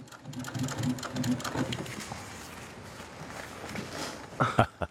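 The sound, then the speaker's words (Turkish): A heavy-duty sewing machine in a family-run workshop stitches leather pieces that were first joined with staples, a fast rhythmic mechanical chatter that runs steadily, then ends with a couple of sharper clunks. No one speaks. “dikiş makinesini çalıştırmanın zamanı geldi.”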